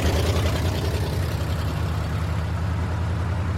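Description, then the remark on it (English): A truck taking workers to a cotton field idles with a steady, deep rumble and low throb that holds constant throughout, fairly loud, with no voices. “here comes the truck.”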